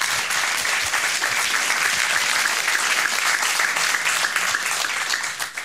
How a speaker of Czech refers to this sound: Tolik úvodem, Parapleti zatleskejme za to, že vůbec jsou.